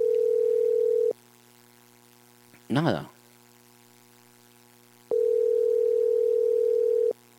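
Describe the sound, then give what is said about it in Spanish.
A steady, droning telephone busy signal sounds in two long stretches separated by a quiet gap, with a brief spoken word in between, heard while trying to reach a municipal manager by phone. It is loud and clear. “No, está ocupado, está ocupado. Está ocupado, ¿verdad?”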